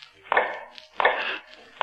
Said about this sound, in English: A low, hammering sound. The sound of an old man making shoes